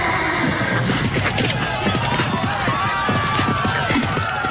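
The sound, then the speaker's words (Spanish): A horse neighs amid a dense, noisy commotion of thumps and scuffling, the whinny rising over constant loud background clatter. “Caballo, loco, vete para allá.”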